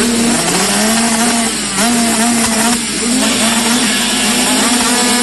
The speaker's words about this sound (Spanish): Este 11 y 12 de julio vuelve el rugir de los motores a Nogoyá. Después de mucho tiempo, el campeonato de Enduro Cross entrerriano llega nuevamente al circuito La Tijereta MX.